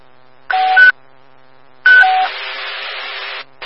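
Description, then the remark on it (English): Two telephone keypad dialing tones beep out with a pause between them, the second running into a longer, rougher buzzing tone; clear, with no one talking. “Let me go on the phone”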